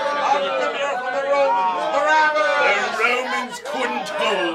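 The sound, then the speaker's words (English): A dense crowd chatters and calls out at once as Barabbas is released to them, many overlapping voices forming a loud, steady babble with occasional raised shouts rising above the din. “Can't this crowd see he's a murderer?”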